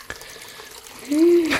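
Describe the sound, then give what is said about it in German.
Water runs steadily from a tap into a plugged washbasin in a wash house, a continuous splashing that swells louder toward the end, with a brief tonal squeak near the finish. “So, ein Stöpsel rein. Wasser ins Waschbecken.”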